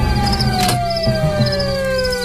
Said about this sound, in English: Yeah, how do I turn this siren off?